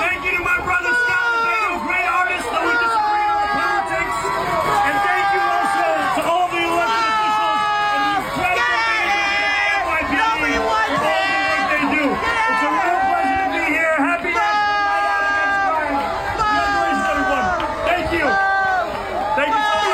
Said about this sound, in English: I mean, you can't even hear what the mayor was saying in his short 1 minute address, being booed aggressively and obviously cursed out by the people in Staten Island who had a few choice words to say about the mayor.